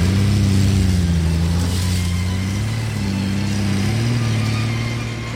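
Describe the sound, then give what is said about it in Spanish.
A car engine drones steadily, its pitch rising and falling slightly as the car drives, revs and rams into another car, loud and continuous with no voices. “¿Pero es que está loco? Mire cómo me volvió el carro.”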